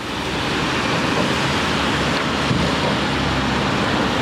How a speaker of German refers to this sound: Windig ist es hier auf der Brücke, aber der Blick ist berauschend. Unter den Füßen fließt träge die Waag und im Osten zeichnet sich die Silhouette von Trenčín ab.